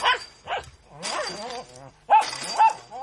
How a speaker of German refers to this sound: Den hat der Pudel abgerissen durch seine Kratzerei. Er hängt am Drahtzaun. Sobald jemand vorbeikommt, bellt er.